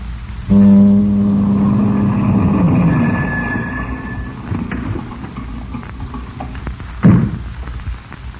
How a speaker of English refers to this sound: At 11:02, you stepped out onto the fog-enshrouded deck. Then you heard a car approach.